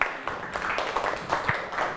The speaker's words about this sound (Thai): โอเคขอบคุณกลุ่มนี้มากครับปรบมือให้เพื่อนหน่อย